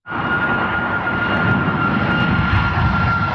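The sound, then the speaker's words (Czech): A loud, steady aircraft engine roar fills the whole recording, a broad rumbling drone with a sustained whining tone on top, as a plane passes overhead at Prague Airport, at the crossing of the main and secondary runways, with no speech. “Občas nám nad hlavami proletí letadlo.”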